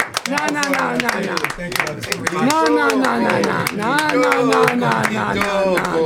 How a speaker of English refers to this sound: You don't need to applaud yourselves. Your listeners are the ones who should be applauding.